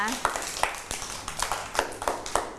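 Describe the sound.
A group of children clap their hands in a steady, slightly uneven rhythm, a dozen or so sharp claps at close range, with faint voices murmuring underneath.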